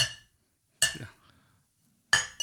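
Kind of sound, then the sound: household object, glasses clinking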